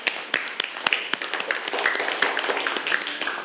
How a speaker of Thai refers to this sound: ครับผมขอเสียงปรบมือให้เพื่อนทั้งสองคนหน่อยครับ